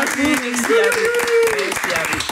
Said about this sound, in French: On peut l'applaudir.